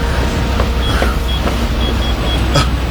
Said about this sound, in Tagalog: May humaharurot na sasakyan. Mabubuntol ako!